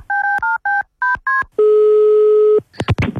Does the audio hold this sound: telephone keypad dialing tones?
yes